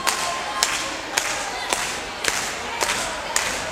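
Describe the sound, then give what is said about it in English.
Hands clap in a steady, even beat, about seven sharp claps spaced roughly half a second apart, over a continuous wash of crowd noise, as a polka tune gets started on the Polka Station of GrizzlyRadios.com. “We need a little bit of hand clapping out there.”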